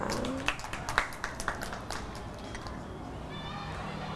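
Children clap in a brief, scattered burst, a handful of uneven sharp claps over about two seconds that trail off, followed by quieter background with a faint voice. They are applauding a classmate who helped the teacher scoop crab sticks into a cup during a cooking activity.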